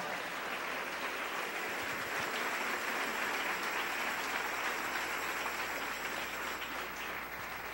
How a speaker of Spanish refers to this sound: Dele ese aplauso al Rey en esta hermosa noche.